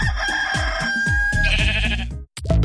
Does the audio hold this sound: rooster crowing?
yes